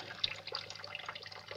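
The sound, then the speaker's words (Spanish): Water runs steadily from a tap into a kitchen sink holding piled-up dishes, a soft continuous hiss with small splashes and drips scattered through it. No one speaks. “La mujer del gimnasio abre un frasco de lavavajillas y lo huele. Está ante los cacharros apilados en el fregadero de una cocina.”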